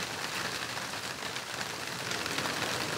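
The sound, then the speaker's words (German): Heavy storm rain pours down in sheets sweeping along a street, a dense, steady, loud hiss with a constant wash of drops and no voices. “Da sieht man, wie die Schwaden die Straße runterziehen.”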